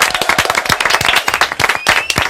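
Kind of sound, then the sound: crowd, loud applause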